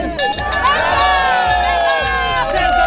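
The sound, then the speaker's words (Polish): A crowd shouts and cheers loudly and continuously, with many overlapping high excited voices, as over 100 winter swimmers plunge into icy water at the beach on Lake Ukiel in Olsztyn, opening the winter swimming season. “Na plaży nad jeziorem Ukiel w gotowości do zanurzenia stawiło się ponad 100 osób.”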